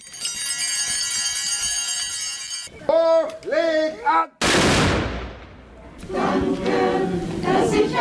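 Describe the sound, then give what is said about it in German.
At a Corpus Christi procession in Siblingen, church bells ring and a voice sings; after the first blessing before the altar, one sudden, loud ceremonial salute-cannon (Böller) shot bursts out and rolls away in a long fading rumble, then the church choir begins singing. “Erster Segen vor dem Altar, dann der Böllerschuss, schließlich der Kirchenchor, dann setzt sich der Zug in Bewegung.”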